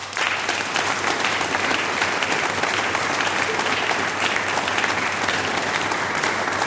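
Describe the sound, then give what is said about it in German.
Sustained audience applause at Burg Oberpfalzberg, a dense steady wash of many hands clapping at even loudness throughout, with no voices standing out above it. “Euch allen einen großen Applaus.”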